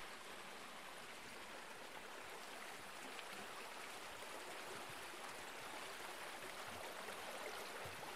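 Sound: river water flowing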